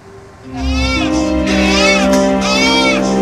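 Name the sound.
newborn baby crying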